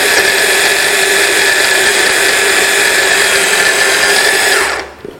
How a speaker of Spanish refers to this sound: Esto es muy fácil, se tritura. Se tritura muy fácilmente. Esto es de lo mejorcito que puede tener una batidora de leche. De lo mejorcito.